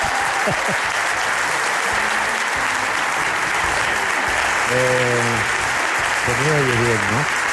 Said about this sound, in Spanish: Claro, tanto aplauso.